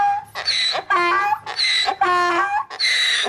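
A donkey brays loudly, a harsh, rasping hee-haw alternating between a higher squeal and a lower honk in five rhythmic bursts over a few seconds, with no one speaking.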